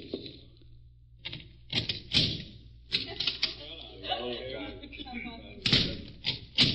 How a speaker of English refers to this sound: A thin trickle of moonlight picked out garbage cans, empty milk bottles, and Mr. Cochran knocking on a door at the end of the alley.